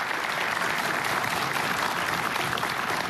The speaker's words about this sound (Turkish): Alkışlarınızla gönülden de teşekkür ediyoruz.